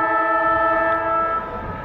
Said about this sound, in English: And this would put the Bulldogs in front. As the siren sounds.